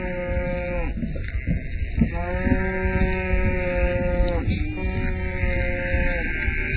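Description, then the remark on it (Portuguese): Sheep bleat over and over, their wavering calls overlapping with the lower mooing of cows against a steady farmyard background for several seconds. “E foram juntos os animais, as vacas, as ovelhas.”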